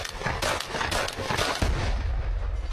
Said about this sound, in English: Here's a drone coming after a soldier, and he's going to shoot it with a shotgun. Please look at the speed on this thing coming at him.